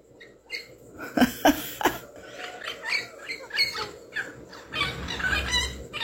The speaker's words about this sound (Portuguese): É um papagaio livre. Não é aquele papagaio que a gente cria em casa, não.